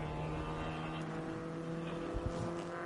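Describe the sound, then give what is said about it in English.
A Hyundai race car driven by Mikel Ascona drones steadily at low revs as it is nursed back to the pit lane after hitting the guardrail, a constant low-pitched harmonic hum with no acceleration, and a couple of faint bumps near the end. “The Hyundai has made it back to the pit lane”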